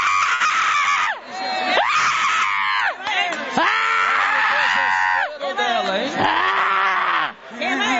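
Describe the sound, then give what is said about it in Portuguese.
A crowd of voices shouts and screams together in loud, sustained bursts, rising and falling in waves with brief dips between them, intense, shouting for Jesus during an exorcism in a church. “Grita para Jesus queimar!”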